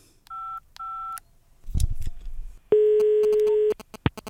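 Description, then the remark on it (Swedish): Two short dual-tone keypad beeps, a brief clatter of handling noise, then a long steady telephone tone lasting about a second, followed by a quick final click, as a phone call is placed to a 7-year-old child in Gothenburg. Clear, with no voices. “Jag ska se här, jag tar och ringer upp en av er radioagenter för att lösa den.”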